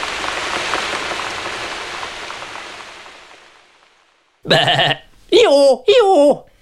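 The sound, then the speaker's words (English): Steady rain patters and fades away, then a person's voice makes three loud, wavering bleats in quick succession, imitating a sheep or goat, one of the animal sounds heard on the Wiggly Trail. “I'm making animal noises.”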